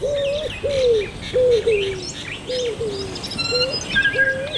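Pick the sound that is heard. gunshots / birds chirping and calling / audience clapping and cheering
birds chirping and calling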